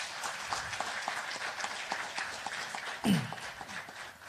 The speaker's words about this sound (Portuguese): Uma salva de palmas para o nosso Presidente.